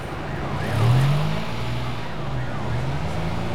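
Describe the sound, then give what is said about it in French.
Busy street traffic as cars, motorcycles and trucks pull away, truck engines roaring, a low motor rumble rising in pitch twice, steady, with general road noise throughout. “Les voitures démarrent. Les motos se faufilent. Les camions font rugir leurs moteurs.”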